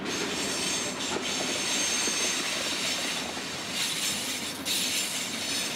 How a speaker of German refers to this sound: Und ich habe jetzt die Aufgabe, den Pendel zu fahren, die Schotter und Erde zu fahren von einem Lagerplatz in Hannover zur Baustelle nach Eschede. Dafür hat er mal wieder einen Bauzug am Haken.